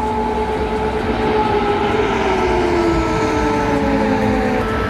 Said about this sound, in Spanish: Así sonaban las alarmas, las sirenas.